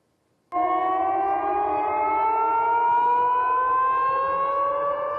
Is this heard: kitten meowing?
no